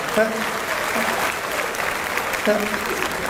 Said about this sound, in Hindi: तो एक बार खुल के तालियां बजाइए।